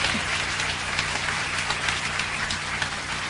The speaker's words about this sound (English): And would you give the band that opened up for us a big round of applause, too? Great job.